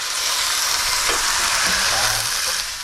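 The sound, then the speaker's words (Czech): A loud, steady hiss of frying as broth mixed with a little water is poured into a hot pan of golden fried onion and chopped garlic, the broad sizzle holding for a few seconds with faint low clinks and bubbling beneath before easing off at the end. “A teď to zalijeme, když máme vývar nebo to, já to tady mám takový napůl vývar, trošku i vody tam dám, hezky zalijeme takhle.”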